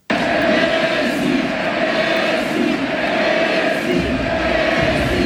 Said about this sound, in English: The game was paused in the 10th minute mark to honour Messi on his final game. Naturally, it was a very vocal crowd. This was the crowd that honoured him.